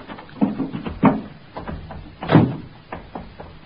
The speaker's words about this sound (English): I opened the door of the car.